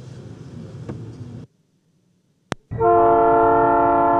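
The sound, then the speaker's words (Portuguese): A low rail rumble fades to a brief silence and a sharp click, then a loud, sustained train horn blares with rich chord-like tones, steady until the end, as a train crosses a city. “O trem cruzando a cidade, o rio seguindo seu curso, a vida começando cedo.”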